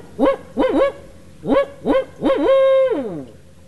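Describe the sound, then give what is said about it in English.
A human voice imitates a barred owl's call: a rhythmic run of loud hooting notes, two quick pairs followed by a long drawn-out hoot that slides downward at the end. No talking. “Barred owls are about the size of a crow.”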